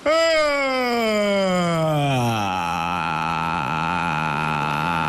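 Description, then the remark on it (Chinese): A single long, deliberate voiced yawn, fairly loud, sliding downward in pitch before settling into a sustained, slightly wavering drawl that lasts about five seconds with no talking. “不是打哈欠会不会啊？”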